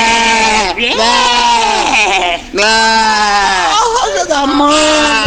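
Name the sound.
goats bleating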